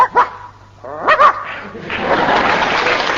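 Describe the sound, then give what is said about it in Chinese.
A father imitates a barking dog for his son, with two short, sharp barks spaced about a second apart, followed by a steady wash of crowd noise like laughter or applause. “爸爸做科就是学狗叫，爸爸要学起狗叫来最像了。”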